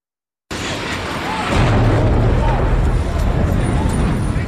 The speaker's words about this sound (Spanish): Así sonaba desde la calle, desde el entorno de las Torres Gemelas, el impacto del primer avión aquel día.